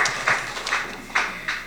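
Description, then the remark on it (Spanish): Scattered hand claps from a group of brethren from Tierra Colorada, uneven and moderately loud, with individual sharp slaps standing out over a steady wash of clapping. “Fuertes aplausos, hermanos.”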